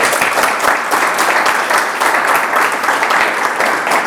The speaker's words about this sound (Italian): E invece adesso devo dire che sei veramente esplosa nel senso positivo del termine, quindi ti faccio un applauso.